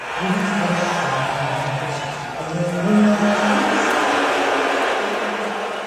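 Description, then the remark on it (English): A large crowd at a Knicks game roars steadily for several seconds, booing as Trump appears on the Jumbotron during the national anthem, with a low, drawn-out booing tone rising and falling over dense, loud crowd noise that never lets up. “And when Trump showed on the Jumbotron during the national anthem, they booed louder than they did when the Spurs came on the court.”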